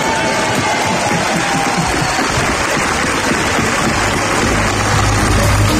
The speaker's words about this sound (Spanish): Al final, Pepe Villuela recordaba el título de la selección española. Este aplauso lo hacemos extensivo, por supuesto, a la selección, que parece que ha ganado.